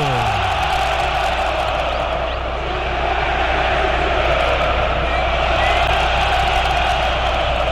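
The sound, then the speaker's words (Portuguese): A massive crowd of Corinthians fans at the Arena Itaquera football stadium roars after a penalty is given to Corinthians, a sustained, dense wall of noise that holds steady for several seconds, with shouts and whoops rising briefly out of the din. “E agora a Arena Itaquera, que havia sido desligada, ganha uma chama nova, ganha um grito novo.”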